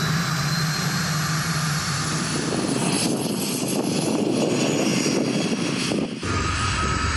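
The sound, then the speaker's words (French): A vehicle's turbine engine roars steadily and builds in intensity as it spools up while the driver accelerates, with a high whine running throughout and a broad, loud rush that swells past the midpoint before dipping briefly near the end. “Oh là là, quand j'accélère, j'entends la turbine qui se met en route.”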